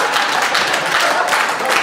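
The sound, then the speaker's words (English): A crowd applauds steadily, a dense, loud wash of many hands clapping at once with no clear individual rhythm, sustained evenly throughout. “That is a confusing applause point.”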